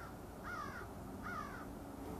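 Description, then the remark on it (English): Two harsh crow caws ring out about a second apart over a steady low outdoor rumble, fairly clear, with no voices present; birds can be heard calling in all directions. “The most interesting thing, of course, is the birds at this time of the day. You can hear them in all directions.”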